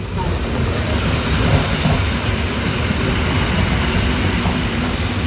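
An S-Bahn commuter train rumbles steadily, a dense low roar of wheels and carriages that stays loud and even throughout as it pulls into the station.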